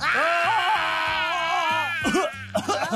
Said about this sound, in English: Bling, bling, you have to scream louder. Listen. Come on, bling, bling, scream with me.